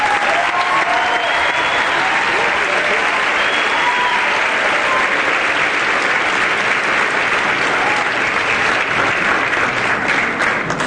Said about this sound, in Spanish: Yo quisiera que lo recibamos con un fuerte aplauso.